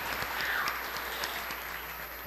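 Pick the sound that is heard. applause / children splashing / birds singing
applause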